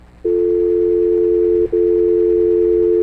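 A steady, loud telephone line tone hums on a single pitch for about three seconds as a listener's call connects to a radio phone-in show, with one brief break midway before it resumes. No one speaks over it.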